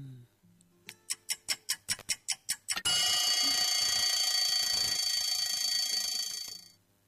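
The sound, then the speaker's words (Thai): A clock ticks loudly about nine times in a steady rhythm, then an alarm bursts into a continuous shrill metallic ringing that lasts several seconds before cutting off, signalling that time is up. No one speaks. “เสียงนาฬิกาบอกว่าหมดเวลาแล้ว เสียงนาฬิกาบอกว่าหมดเวลา”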